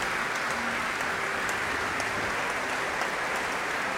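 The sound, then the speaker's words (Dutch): Steady applause from a large crowd for the choir members at a concert of sacred music, a dense even wash of clapping that holds at a constant level for the whole stretch without voices. “En daar klinkt het applaus voor de koorleden.”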